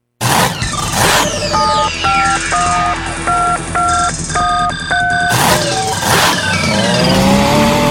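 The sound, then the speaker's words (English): A loud engine roars and revs continuously, a sound effect for a Washington County tractor pull, overlaid with a rapid sequence of beeping phone-dial tones in the middle, then the engine surges on again alone. “Yeah, gearheads, Washington County tractor pullers bringing the throwdown May 23rd, and you can go.”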